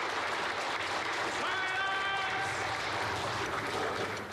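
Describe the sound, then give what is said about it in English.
A courtroom audience breaks into sustained applause, a dense, steady wash of clapping that stays loud for several seconds, with a faint high whistle-like tone briefly rising above it. “burst into applause.”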